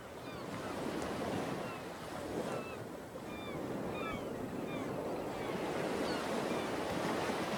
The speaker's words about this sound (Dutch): Dus we bekeken de golven